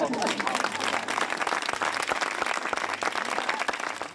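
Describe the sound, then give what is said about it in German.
Warm, sustained applause from a large theatre audience in Bremen, a dense steady patter of many hands clapping at once, loud and even throughout with no voices standing out. “Der war echt und nicht geschwindelt, der Applaus.”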